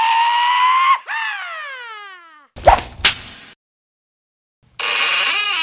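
Two sharp, loud whip cracks in quick succession, following a descending whistling tone that glides down in pitch. After a short silence, a bright sustained tone returns.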